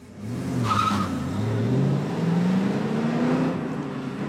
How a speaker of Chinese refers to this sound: 七天后，八辆装满鬼子的汽车开向了陈姓兰村。